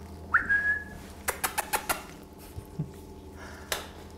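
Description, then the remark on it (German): Kea parrots calling during their daily check-up visit: one drawn-out, high whistled note, then a quick burst of five sharp clicking taps and a lone click later, with no talking. “Tägliche Visite der Keas.”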